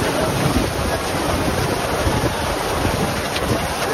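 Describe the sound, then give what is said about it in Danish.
A steady, loud roar of wind buffeting the microphone with a dense hiss like heavy rain, continuous for the whole stretch with no voices, an outdoor storm striking the Tønder Festival grounds by the Open Air stage. “Store mængder regn og blæst fik i aftes Tønderfestivalen til at aflyse sin afslutningskoncert på Open Air-scenen.”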